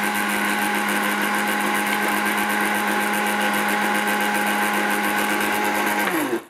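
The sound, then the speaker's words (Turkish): A blender purées food on a low setting for several seconds, a loud continuous motor hum with a high buzzing edge, then winds down abruptly at the end. No talking. “Çekiyor gönder çeksin.”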